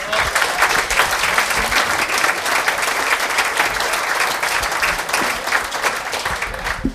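An audience applauds steadily, many hands clapping in a dense, sustained wash of sound that stays loud and even for about seven seconds, with no voices breaking through.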